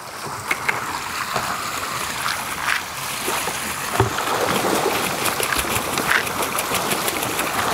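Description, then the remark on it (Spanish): Farmed trout thrash and splash at the water's surface as they feed at a trout farm supplied with water from a nearby glacier, a steady churning rush broken by sharper slaps now and then. Nobody speaks. “Mira cómo comen los peces.”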